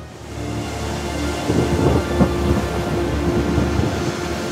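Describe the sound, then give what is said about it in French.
A steady, dense roar of heavy rain pours down continuously, loud, with a broad hissing wash and a low rumble underneath that swells slightly midway. “La pluie est sans fin.”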